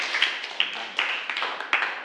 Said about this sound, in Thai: ขอเสียงปรบมือเป็นกำลังใจให้กับเพื่อนกลุ่มที่2หน่อยนะครับ